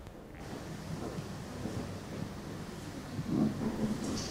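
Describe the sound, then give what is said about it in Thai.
A group of students crumple and squeeze a plastic bag continuously, its dense crackling rustle imitating the patter of falling rain, steady, swelling slightly near the end, with no talking. “นำถุงมาทำอะไรคะทำอย่างไรให้ถุงเกิดเสียง ขยำ ขยำแล้วเรียนแบบเสียงอะไรคะ ฝนตก นักเรียนกลุ่มหนึ่งนะคะเลือกถุงมาขยำเพื่อเรียนแบบเสียงของฝนตก”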